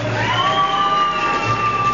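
A crowd claps and cheers in a steady, dense wash of noise, with whoops rising from it and a high, sustained whistle-like tone holding through the roar.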